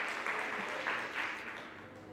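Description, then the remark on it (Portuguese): A crowd claps in praise of God steadily for a couple of seconds, a dense, even wash of many hands with no voices standing out, easing off slightly toward the end. “Você que está aí no chat, dê um glória a Deus também, aplauda o Senhor.”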